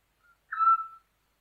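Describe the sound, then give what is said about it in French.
A Eurasian scops owl gives a single clear, whistled note, mellow and steady, preceded by a faint brief peep, heard alone against a quiet night background. “C'est le plus petit strigidé d'Europe, il tient facilement dans une main.”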